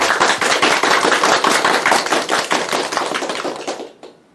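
An audience claps steadily, welcoming a professor who will give a demonstration recitation of the Ballad of Mulan, in a dense, sustained burst of applause, loud and even for about four seconds before fading out quickly at the end, with no voices.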